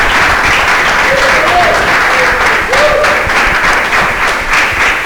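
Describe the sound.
Sustained applause from an audience, dense and steady clapping at close range throughout, with faint cheers or voices mixed in.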